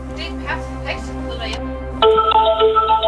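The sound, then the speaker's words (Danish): A phone line rings out on an outgoing call, steady electronic tones heard over quiet background chatter, then switching abruptly to a louder, brighter tone pattern about two seconds in. “Hold ja, nu ringer den.”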